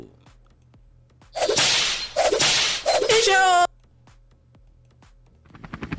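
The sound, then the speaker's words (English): Three loud, sharp lashes of a koboko whip crack in quick succession, each a sudden snapping hiss, with the last one trailing into a brief ringing tone before a quiet background returns. “Make a use helicopter, take care of everybody to their various destinations and flog the enemies with Koboko.”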